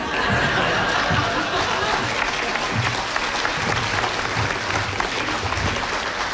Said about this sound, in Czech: Tam někde stojí Nerudný celý a říká, tady se každému tleská.